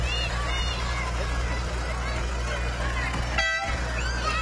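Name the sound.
vehicle horn honking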